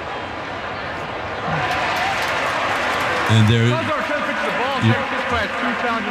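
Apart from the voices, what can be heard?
baseball stadium crowd reacting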